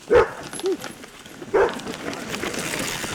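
A service dog, Azul, gives three short, sharp barks, two close together and one after a pause, over a steady outdoor background hiss that continues after the barking stops.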